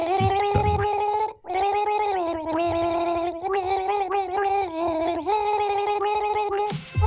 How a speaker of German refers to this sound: Ja, man hört vielleicht. Es gurgeln 2. Es ist das erste Duett in der Geschichte von Gurgel Gaga. Aber ist es auch zu erraten?